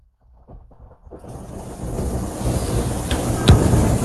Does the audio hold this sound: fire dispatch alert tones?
no